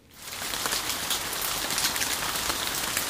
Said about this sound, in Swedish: Lovisa-borna fick gräva fram stövlarna i somras, då sammanlagt närmare 300 mm regn föll över stan.